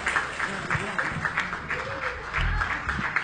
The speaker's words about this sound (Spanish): Se ha llevado todos los aplausos de esta sala, esta señora tan hermosa y tan buena cantante.